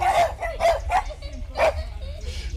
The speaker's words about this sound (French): Un petit chien.